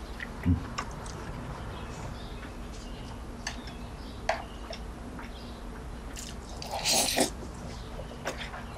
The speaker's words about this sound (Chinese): 你慢点嚼，别噎着。没人跟你抢。